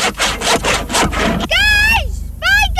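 Brisk back-and-forth strokes of a hand saw cutting through wood as children build huts in a children's hut village, about six quick rasps, followed by two shrill, high-pitched squeals that could be young voices or the blade squeaking.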